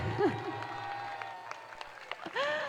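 An audience applauds again at the host's call for an even louder round, a steady wash of clapping, with a few sharper claps standing out and high, sliding whistles or cheers rising over it at the start and end.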